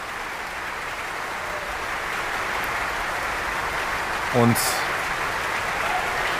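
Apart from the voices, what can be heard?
concert audience applause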